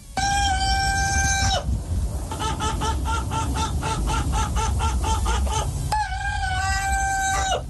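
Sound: rooster crowing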